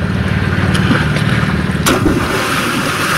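A loud watery splash sound effect, with a few sharp bursts of spray over a steady rush of churning water, with no one talking. It is played as a contest cue for a giveaway of two tickets to the Adventure Island water park at Busch Gardens.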